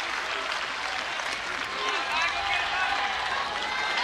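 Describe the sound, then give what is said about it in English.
A big baseball stadium crowd cheers and claps without pause during a game, a dense, steady wash of applause with scattered shouts rising out of it. “Crowd again senses the moment.”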